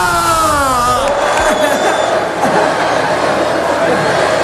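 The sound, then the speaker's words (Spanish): A huge crowd of Deportivo football fans packing the Plaza de María Pita roars and cheers in a loud, dense wash of voices, with shouted calls rising over the din of an open outdoor gathering. “Hoy, el ambiente que había en esa Plaza de María Pita, llena hasta la bandera, sonaba más o menos así.”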